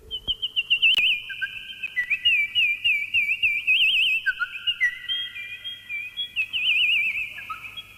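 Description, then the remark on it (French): A high, warbling whistle-like tone trills and chirps continuously like small songbirds, with wavering pitch and brief lower notes, produced by an instrument rather than real birds, loud with no talking. “L'instrument est capable d'imiter, entre autres, les petits oiseaux.”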